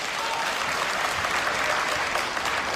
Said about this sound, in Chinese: 各位别客气，您都是见证人，哎，鼓鼓掌，喊着我们懂得要脸。